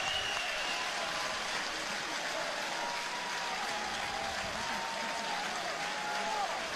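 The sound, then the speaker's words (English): A large baseball crowd rises to its feet and applauds and cheers in a steady, dense roar of clapping that holds at an even level for several seconds, with a blur of voices mixed in, as pitcher Alvarez faces batter Nixon on a 1-2 count. “Here comes the crowd to its feet. As they should.”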